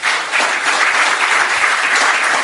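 A loud, sustained burst of applause from a crowd, dense steady clapping filling the whole stretch with no voices standing out.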